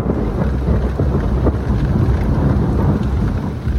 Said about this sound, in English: those were the thunderstorms keeping people awake last night